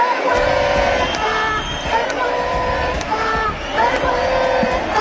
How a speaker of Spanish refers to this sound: Pues con esos gritos de vergüenza nos seguimos contando qué pasa aquí en la concentración.